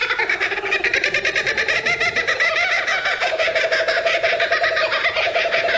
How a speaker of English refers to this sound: The kookaburra. Is there a more distinctive sound than the kookaburra?